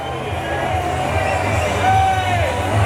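A large crowd at an ice hockey game involving Tappara roars continuously after an overtime goal is disallowed for offside, a dense wall of cheering and shouting that swells slightly louder toward the end, with a few whistles cutting through the din.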